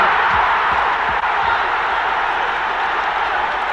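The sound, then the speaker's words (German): A huge football crowd of English fans roars in celebration after Sealey's goal puts West Ham United 1:0 up, a dense, sustained wall of cheering and shouting that stays loud and steady throughout, with no clear individual voices standing out. “Riesengroß der Jubel der Engländer.”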